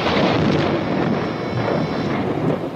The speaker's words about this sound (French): Un coup de tonnerre éclata soudain, et comme il passait au doigt de Clémence un anneau trop large, la pluie se remit à tomber.